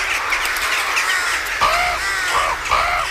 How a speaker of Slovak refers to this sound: Havrany? Kam letia? Rovno na východ, za slnkom. No, kam havrany letia, tam musí byť aj nejaký živý tvor.